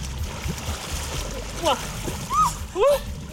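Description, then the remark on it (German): The dogs Matti, Komet and Finn splashing into the Nahe river near Bad Kreuznach, a continuous churning wash, with a few short high-pitched whines rising over it in the second half and faint voices in the background. “gemeinsam gehen die zusammen bei Bad Kreuznach an die Nahe in den Fluss.”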